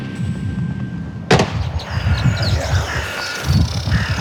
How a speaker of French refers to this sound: Ici, les cérémonies d'obsèques se suivent les unes après les autres, au rythme des coups de feu tirés en l'air, selon la tradition militaire.